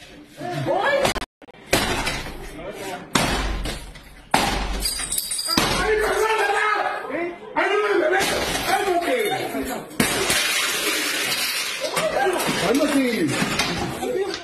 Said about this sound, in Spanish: En estas imágenes se observa un sujeto romper la puerta para entrar junto a otros encapuchados, fuertemente armados.